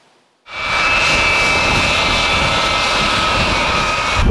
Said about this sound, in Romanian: First time that the NATO AWACS has landed at Liepāja Air Base in Latvia.